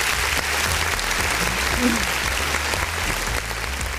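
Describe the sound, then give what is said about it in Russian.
An applause sound effect on the show «Оракулы Брейн», a steady wash of many hands clapping in a dense, continuous patter at an even loudness for about four seconds, with faint voices mixed underneath. “Ох, не заготовил я нам опять аплодисменты.”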